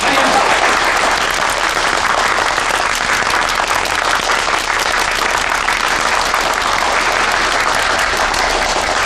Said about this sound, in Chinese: 同志们，今天是中国共产党北京支部和马克思学说研究会共同举办的形势报告会，而且长辛店的工人俱乐部也派出代表前来参加，让我们以热烈的掌声欢迎他们的到来。